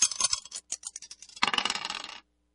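Dice clatter onto a hard surface in a quick burst of sharp clicks, pause, then tumble in a dense, rattling roll that stops abruptly. Fairly crisp, with no voices.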